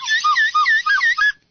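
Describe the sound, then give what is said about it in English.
A slightly used slide whistle warbles up and down in quick, looping pitch glides for about a second and a half, loud with no voices, then cuts off abruptly. “a slide whistle. Slightly used, but there you go.”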